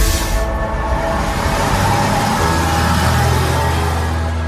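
A city bus in Laval, France pulls up to the Tassigny stop on line A, its steady engine rumble and low droning hum shifting pitch partway through as it slows. No one speaks.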